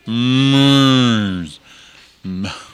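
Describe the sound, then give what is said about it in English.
A cow moos loudly, one long drawn-out low call that fades off, then a brief shorter moo after a short pause. “It almost sounds like a cow.”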